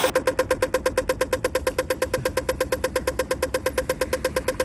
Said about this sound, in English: So I have two sounds here. One's the traffic light sound. One's not a traffic light sound.